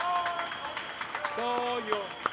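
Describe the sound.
A crowd applauds with steady, dense clapping that crackles throughout, while sustained voices or tones hum underneath and a few sharper claps stand out near the end.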